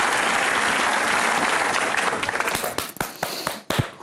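A crowd applauds in a dense, steady wash of clapping that thins out toward the end into scattered individual claps.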